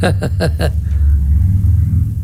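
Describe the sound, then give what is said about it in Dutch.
A deep, steady engine rumble from a few heavy motorcycles passing outside the building, continuous throughout, with a few short bursts of rising engine tone at the start. “Ja, er zijn een paar zware motoren die de, zeg maar, het gebouw hier voorbij geschreven.”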